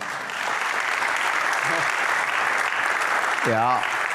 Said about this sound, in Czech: To chce potlesk.